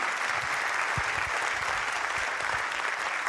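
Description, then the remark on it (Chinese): An audience claps steadily, a dense, continuous wash of many hands filling the whole stretch at an even, fairly strong level, with no voices standing out. “谢谢，感谢大家拍掌。”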